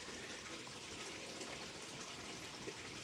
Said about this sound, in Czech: na to, co slyšíte v pozadí a některým lidem to vadí, šumění vody.